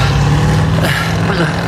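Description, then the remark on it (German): A black Chevrolet Bel Air sedan's engine rumbles steadily and fairly loud, its low hum shifting in pitch partway through as the car pulls off with a fleeing man at the wheel. “Das war ein Chevrolet Bel Air.”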